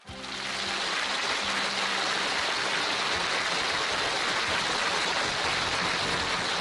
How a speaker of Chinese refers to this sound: 再次掌声有请。